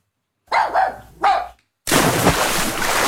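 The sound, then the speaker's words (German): A dachshund and a German shepherd at an outdoor swimming pool opened to dogs bark three times in quick succession, then a sudden loud, steady rush of splashing water takes over. No one speaks. “Hey, da, der Dackel und der Schäferhund, nicht rennen am Beckenrand.”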